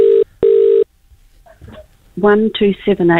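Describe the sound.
A telephone rings in two short, steady electronic bursts separated by a brief pause, followed by faint rustling and then a person speaking clearly.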